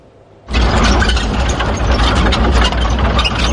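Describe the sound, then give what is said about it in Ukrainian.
The engine of an armored vehicle of a Ukrainian National Guard brigade suddenly roars to life and keeps running loud, a deep low rumble with steady mechanical rattling and no voices, as it sets off toward Dobropillia under morning fog. “Так, під прикриттям ранкового туману на броньованій машині бригади «Карадаг» ми вирушаємо під Добропілля.”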